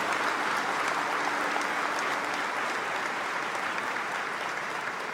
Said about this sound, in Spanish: Alguien que le dé un aplauso al Señor por eso.